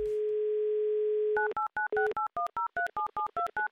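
A steady, low telephone dial tone hums for over a second, then gives way to a quick run of about a dozen bright touch-tone beeps as a number in Omsk is keyed in for a radio prize call. No one speaks.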